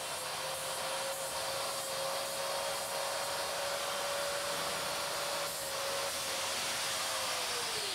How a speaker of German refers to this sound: Alles muss gleichzeitig laufen. Die Klauenbehandlung und die Untersuchung. Pediküre mit der Flex. Schneller geht's wirklich nicht.